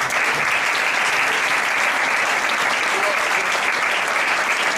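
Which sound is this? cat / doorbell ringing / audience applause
audience applause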